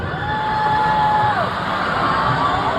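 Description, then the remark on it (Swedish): A large audience boos loudly and continuously for a few seconds at a performer who joked that some audience members could be illegal, a dense wall of crowd voices with one drawn-out tone that holds steady and then slides downward. “Och sen efter publikens burop försökte hon lite så”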